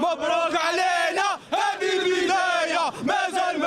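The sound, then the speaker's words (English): A huge crowd cheers and chants in unison, a loud sustained roar of many voices rising and falling in rhythmic waves, with brief dips between bursts. “Listen to the crowd.”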